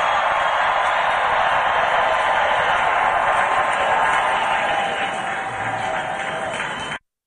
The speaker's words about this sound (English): And you could tell the crowd loves him. You could hear the roar of the crowd. They absolutely adore President Trump.